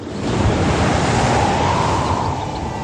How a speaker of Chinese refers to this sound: 晴朗的天气并不太久，没过一会儿海面上便起了大风，海浪也掀起了巨大的波涛，燕子们在猛烈的海风中艰难地飞行着。